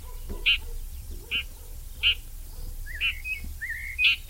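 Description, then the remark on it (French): A red-backed shrike gives short, harsh alarm and contact calls, about five sharp bursts spaced roughly a second apart, mixed with a couple of thin rising whistles, over a soft low background hum. “La pigrièche écorcheur, elle chante, mais pas très fort. Ici, on l'entend en train d'alarmer, de faire ses cris de contact ou ses cris d'inquiétude.”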